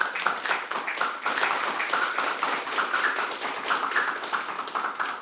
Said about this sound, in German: Dicker Applaus für euch und danke für eure Tipps.